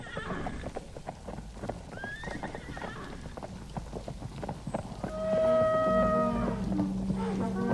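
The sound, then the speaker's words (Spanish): Hooves clip-clop in a steady, clattering rhythm, then a mare lets out a loud, high, drawn-out whinny over a low rumble that swells toward the end, around midnight on a dark, foggy, drizzly night as baggage is moved out. “Como a la medianoche se empezó a sacar el fardaje y la yegua y tlaxcaltecas cargados de oro.”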